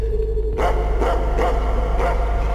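A dog barks repeatedly in a steady rhythm, about four or five sharp barks, over a constant low hum with no one speaking.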